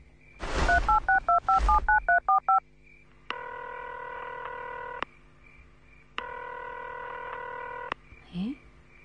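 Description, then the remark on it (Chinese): A quick run of phone keypad beeps dials a number, followed by two long, steady ringback tones with a pause between them, and nobody picks up before a brief rustle at the end. “不行，我给小凤打个电话。”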